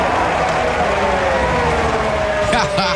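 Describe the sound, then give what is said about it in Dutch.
A large crowd at a Formula 1 sprint qualifying session cheers loudly and steadily, a dense roar of voices filling the whole stretch with a few louder whoops near the end. “Hoor het gejuich.”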